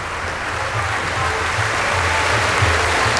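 Sustained applause from a large audience fills the reverberant Gallus Hall as the musicians and conductor Renato Palumbo bow on stage, a dense, steady wash of clapping that holds evenly throughout with no voices standing out.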